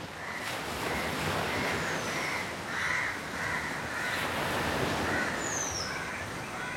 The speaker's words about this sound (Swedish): Han är chef för Agastya Heritage Ayurvedic Hospital och Prithvi Resort i badorten Kovalam, där vågorna väller in mot sandstranden.